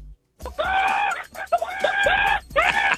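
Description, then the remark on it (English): A voice on the breakfast show on KISS radio imitates a chicken, loud, with three drawn-out, strained clucking squawks in quick succession, leading into traffic and ads, with no other sounds around them. “if you can do a chicken, take us to traffic and ads with some chicken.”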